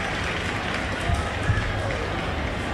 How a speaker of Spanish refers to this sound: Che, fuerte los aplausos y un agradecimiento muy especial por estar transmitiendo aquí en vivo esta peña hermosa. A la gente de Cadena 3, fuerte los aplausos, por favor.